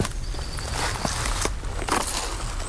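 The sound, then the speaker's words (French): Footsteps crunch through dry dead leaves and undergrowth, a handful of unhurried steps with crackling, rustling bursts over a steady low background hum; no one speaks. “nous nous enfonçons dans la végétation. Tapis de feuilles mortes.”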